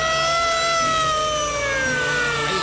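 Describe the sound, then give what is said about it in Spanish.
A loud alert siren wails steadily, its tone sliding slowly downward in pitch over a few seconds, with no voices over it. “en la casa de todo el mundo, que ahora mismo está pendiente al Mundial, están preocupados, porque ¿cómo les parece que se encendieron las alertas, muchachos?”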